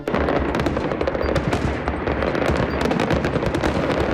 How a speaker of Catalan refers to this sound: per a tancar la nit, castells de foc artificial a València, Castelló i Alacant.